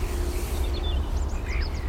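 A song thrush sings: short whistled phrases arrive in quick succession, fairly faint over a steady low rumble of background noise, with no voices present.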